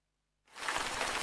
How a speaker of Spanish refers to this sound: La lluvia.